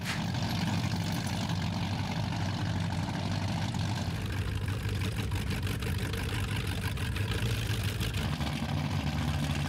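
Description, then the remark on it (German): A loud, steady powerboat engine rumbles at idle at the Stettiner Haff, its deep low drone continuous throughout, with a dense mechanical hum and no voices. “Laute Motoren, die meistens von ganz ruhigen Fahrern gesteuert werden.”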